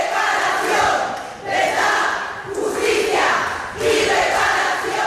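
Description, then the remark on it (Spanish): A large crowd of protesters shouts a Spanish protest chant in unison, "verdad, justicia, reparación", against religious audiences, loud and sustained, with the slogan repeating in rhythmic phrases about every second and a quarter, during 15 minutes of shouting. “Por eso nos levantamos y gritamos durante 15 minutos verdad, justicia, reparación y olvido en el perdón.”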